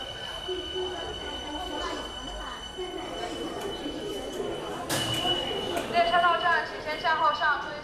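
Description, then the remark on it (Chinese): A subway train rumbles and hums steadily in a busy Chongqing subway station around 6 in the morning, full of people carrying vegetables and fruit to sell, with a sharp burst of noise midway and high squealing toward the end, as voices chatter throughout. “哇，你们看这个地铁了，满是卖菜的人啊。”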